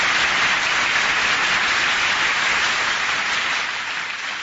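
A crowd applauds steadily for several seconds, a dense, even wash of many hands clapping that holds at a strong level before easing off slightly at the end. No one speaks over it.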